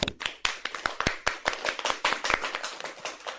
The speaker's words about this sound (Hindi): बहुत ही अच्छी जानकारी दी और आसनों के बारे में बताया, इनके लिए भी जोरदार तालियां हो जाए बच्चों।